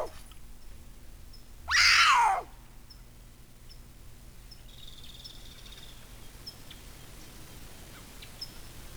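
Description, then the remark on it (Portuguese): A jaguar, filmed by a hidden camera in the forest, lets out a single loud, rasping call lasting under a second as it calls to another jaguar, then only a quiet forest backdrop with faint, scattered bird chirps remains. “São câmeras escondidas na mata, e que foi exatamente encontrada essa onça chamando uma outra, né, em mata.”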